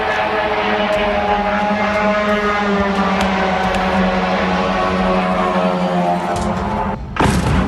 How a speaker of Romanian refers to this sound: M-a trezit RO alert și s-a auzit și drona.